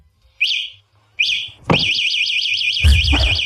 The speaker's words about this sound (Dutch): Ja, dit is het alarm van een fatbike. Ja, dat klopt. Het is het alarm van een fatbike. Leerlingen hebben daar dit jaar erg veel last van tijdens die examens.